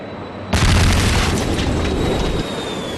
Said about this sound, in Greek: Όταν ακούστηκε για δεύτερη φορά μια ισχυρή έκρηξη από τον Γκιόλβασε, το ρολόι έδειχνε 2:20. Οι πραξικοπηματίες επιτέθηκαν με τα μαχητικά αεροσκάφη που είχαν κατασχέσει στη Διεύθυνση Ειδικών Επιχειρήσεων της Αστυνομίας στο Γκιόλβασε.